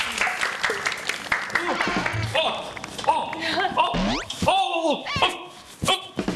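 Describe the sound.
An audience claps steadily for several seconds as an aerobics instructor is invited in: a dense crackling patter mixed with excited voices, shouts and rising whoops that cut through over the top.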